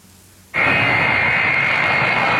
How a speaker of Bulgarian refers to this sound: Късно с нощи руският самолет Ил-76 на Министерството на извънредните работи премина през въздушното пространство на България.